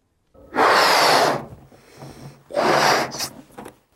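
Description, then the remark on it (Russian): Two long, loud, breathy exhalations of deep breathing, each lasting nearly a second, separated by a quieter pause, with no talking. “Глубокое дыхание.”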